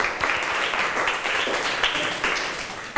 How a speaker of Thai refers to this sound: ขอบคุณสำหรับคำตอบค่ะเพื่อนๆคะปรบมือให้เพื่อนทั้งสองหน่อยค่ะ